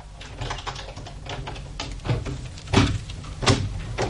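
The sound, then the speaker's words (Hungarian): A key rattles and clicks in a lock, followed by a few sharp mechanical knocks as a door is worked open, fairly clear with a low background hum. “Fordítsátok meg a kulcsot a zárban, és az ajtó kinyílik.”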